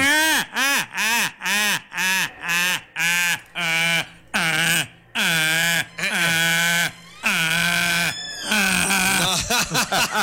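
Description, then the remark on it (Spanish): A person loudly imitates a donkey's bray, a rapid run of strained hee-haw cries with rising and falling pitch. The cries grow longer and rougher toward the end, with no other talk. “Ya sabes, como el burro.”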